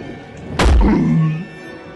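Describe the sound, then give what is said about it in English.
In a Harry Potter scene, a troll's heavy wooden club, levitated by a spell, drops onto the troll's head with one loud, deep thunk, its low, booming resonance fading out over about a second, with no voices. “The troll looks up and the club drops onto its head.”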